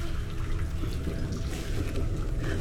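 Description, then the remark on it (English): A steady, heavy roar of rushing water churns without pause, dense and rumbling in the low end, like a torrent of floodwater pouring down the Arnon Gorge. “It is not uncommon for large quantities of water to come cascading down the gorge.”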